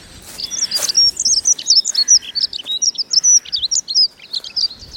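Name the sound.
morning woodland birdsong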